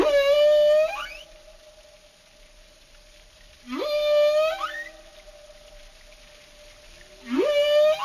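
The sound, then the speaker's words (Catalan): Three bursts of marine animal whistles, each a quick upward sweep into a steady, harmonic-rich tone, spaced a few seconds apart with quieter stretches between them and no talking. “hi ha diferències significatives entre xiulos de cada localitat.”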